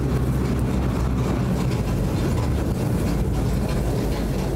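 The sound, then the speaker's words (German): The winnowing fan of a combine harvester blows chaff from rye: a loud, unbroken rush of air over a deep mechanical rumble, steady throughout with no pauses and no voices. “Der Windsichter. Ihr pumpt da Luft durch und dann fliegt die Spreu weg und der Weizen, also der Roggen, bleibt und muss durch das Sieb durch.”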